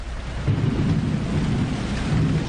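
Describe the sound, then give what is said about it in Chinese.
Steady rain pours down in a continuous wash of noise, with a deep low rumble underneath like thunder, holding at an even level throughout with no voices. “哎呀，下雨了，前面有个木屋，我们在里头躲一下好不好？”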